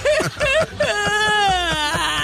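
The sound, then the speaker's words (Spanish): A person whimpers and cries, a few short broken sobs giving way to one long, wavering, drawn-out wail that trails off at the end. “Es donde quedé llorando aquí.”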